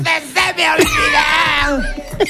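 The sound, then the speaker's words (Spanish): A man lets out a loud, drawn-out bellowing yell over a family singing a song together, his strained voice rising and wavering above the chorus for about two seconds. “Una familia cantando una canción. Llega el gritito, y llega el del berrido, mira.”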